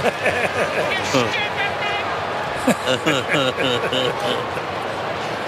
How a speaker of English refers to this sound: This is the crowd expressing their displeasure.